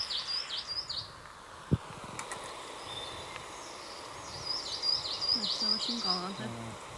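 Sharp, high great spotted woodpecker calls come in short repeated bursts, one cluster at the start and a longer run later, set against a soft outdoor background with a single sharp knock.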